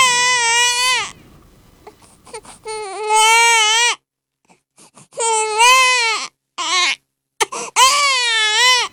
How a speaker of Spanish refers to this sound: Llegó a ese mundo así, llorando, pidiendo chiche, porque tenía hambre, dice.